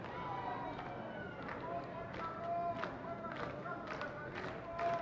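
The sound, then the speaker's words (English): A sparse, thinned-out crowd of diehard fans at a baseball game claps in a steady, rhythmic beat, roughly twice per second, over a continuous murmur of voices with a few sustained, chant-like tones rising through it. “The diehards are making noise.”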